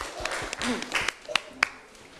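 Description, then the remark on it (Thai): A small audience claps for the fourth group after its presentation, in scattered, uneven bursts for a couple of seconds, the applause fairly light, with faint voices murmuring underneath. “เยี่ยมมากเลยนะคะเอาปรบมือดังๆหน่อยค่ะให้กลุ่มที่สี่นะคะ”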